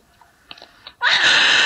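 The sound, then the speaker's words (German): A hedgehog lets out a sudden loud, shrill, sustained scream at a raccoon that has come by while it was eating, preceded by a second of quiet snuffling and small clicking noises. “Igel können so schreien.”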